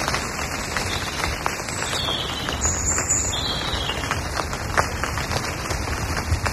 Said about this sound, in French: la pluie en forêt, tu vois. Ça, c'est très joli. Je pense que ça va être très joli. Ah ouais. Oh là là là. Quand ça claque sur les feuilles, ouais. Ouais, ça claque, quoi, exactement. Contre un tapis de feuilles séchées, humides maintenant, tu diras.